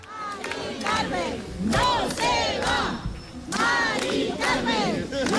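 A large crowd of protesters cheers and shouts together, many voices rising and overlapping in loud, continuous waves with clapping mixed in, close and energetic throughout.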